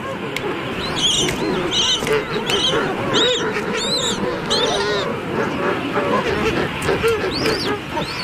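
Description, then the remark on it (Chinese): A king penguin chick, alone in the colony and pecked by neighbouring adults, calls repeatedly with high, warbling whistles, rising above the dense, continuous clamour of a crowded penguin colony squawking and trumpeting all around. “七鸟听到了雏鸟的叫声，迅速赶来保护它。”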